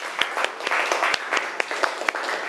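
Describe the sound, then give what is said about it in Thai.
Students applaud together for classmates from group 2, a dense wash of overlapping claps with a few sharper individual claps standing out, steady for a couple of seconds. “ขอเสียงปรบมือให้เพื่อนจากกลุ่มที่2นะคะ”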